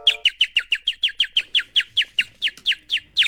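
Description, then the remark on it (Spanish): A blackbird calls, repeating about fifteen clear, sharp downslurred notes in a quick, even rhythm, with no voices over it. “Es el canto de un mirlo este, ¿no?”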